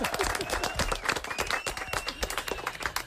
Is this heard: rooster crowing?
no